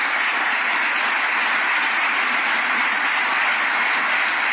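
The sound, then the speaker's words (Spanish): Sustained, dense applause from a large crowd in Valencia as Juan Jesús Vivas Lara, president of the Autonomous City of Ceuta, receives a distinction, steady and loud throughout with no pauses, a continuous wash of many hands clapping at once. “Pues recibido también con multitud de aplausos.”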